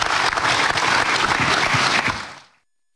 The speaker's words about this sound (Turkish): Kuvvetli bir alkış rica ediyoruz.